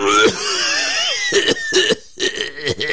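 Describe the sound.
A voice performs a raspy, theatrical cough for a tired-looking frog, a few rough bursts in quick succession, fairly loud, like a tired creature clearing its chest.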